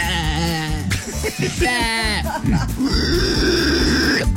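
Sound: cow mooing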